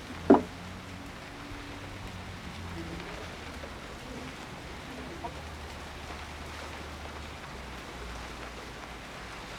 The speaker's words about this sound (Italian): Dovrebbe smettere di piovere.